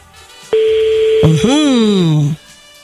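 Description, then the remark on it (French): A steady electronic telephone ringback tone on an outgoing call sounds once, clear, then breaks into a brief wavering, gliding tone before cutting off; no talking over it. “Bon, dernière sonnerie.”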